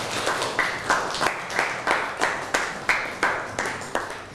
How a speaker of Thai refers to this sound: นั่งลงครับปรบมือให้กับเพื่อนหน่อย